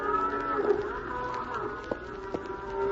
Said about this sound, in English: Cows are getting restless, Hoppy. Maybe something's among them and... They may smell something.